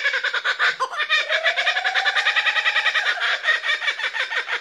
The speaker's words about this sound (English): There are so many beautiful bird sounds in the world and here in Australia. That is such a... That feels like one of the sounds of Australia. This is the kookaburra, which I love.